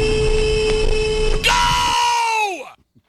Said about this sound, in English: That's a solid horn. I mean, Mount Rushmore of horns, there's a couple that are easily up there.